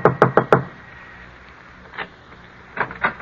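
impact, knocking on a door

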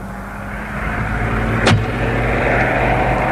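vehicle, road traffic passing

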